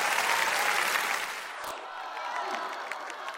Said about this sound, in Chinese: 你别耷了个眼皮，这出来一趟你能不能乐呵的，大家你看都给你鼓掌了，你笑一个。